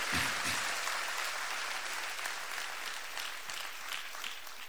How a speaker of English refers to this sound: Is somebody in the house of the Lord? Yes. If you are here, give the Lord a clap of faith. Give the Lord a clap of faith.